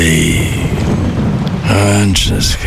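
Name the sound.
rain falling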